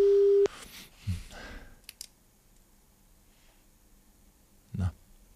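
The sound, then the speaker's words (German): A single loud, steady telephone ringing tone sounds briefly at the start as a radio presenter calls a prize draw winner, then cuts off into soft clicks and faint handling noises as the line picks up, with a muffled thump near the end. “wenn ich Sie nicht nur ausgelost habe, sondern auch am Telefon jetzt erwische.”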